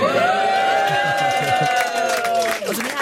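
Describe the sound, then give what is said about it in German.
A studio audience, people who had earlier been at the show's live comedy stage, erupts in loud, sustained cheering with high whoops and shouts layered over a dense crowd roar, holding steady for about three seconds. “Könnt ihr mal ein bisschen Lärm machen?”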